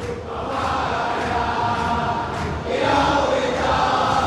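A dense, sustained roar of Boca Juniors fans chanting in unison in a football stadium, loud and steady throughout with a rhythmic swell, many voices blending into one continuous wall of sound, no single speaker standing out.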